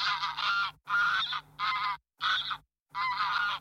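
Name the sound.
goose honking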